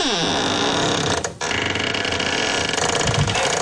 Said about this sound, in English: Now remember, this was a little kid who wanted to share her bedroom door. Yep. Howard Beach. And I'm going to let you listen to my squeaky door. Here it is. Get ready.